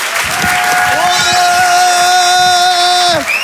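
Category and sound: crowd, audience cheering and applause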